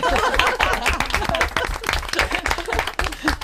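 A crowd claps steadily, many hands producing a dense, crackling patter that holds at a fairly loud level for the whole stretch, with a hint of voices mixed into the noise.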